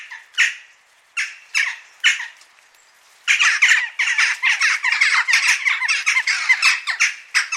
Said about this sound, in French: Et puis, au niveau cri, eh ben, il est caractéristique. C'est pas du tout un croassement vulgaire comme les autres corbeaux. C'est un très joli bruit qui fait ça.